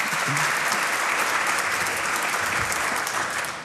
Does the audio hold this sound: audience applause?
yes